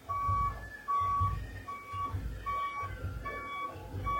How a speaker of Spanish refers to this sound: Hay bastante tránsito. Hay bastantes personas que están llegando de diferentes partes y que van a visitar las diferentes cabezonías aquí en Lamas.